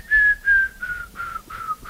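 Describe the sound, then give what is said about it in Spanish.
A jungle bird's whistle like a falling bomb: six clear, high whistled notes in a steady rhythm, each sliding slightly downward and the series dropping in pitch, the first two loudest. “es como una bomba que cae, ¿no? Era como una cosa loquísima, y es un pájaro, ¿no?”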